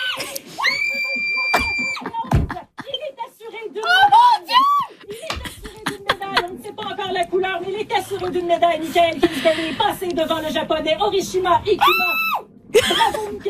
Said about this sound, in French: Il est assuré d'une médaille, Michael Kingsbury, passé devant le japonais Horishima Ikuma. Ah! Bravo, Michael! Ça crie pas juste en studio, on entend la famille!